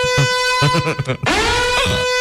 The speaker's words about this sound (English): I forgot how obnoxious that alarm was.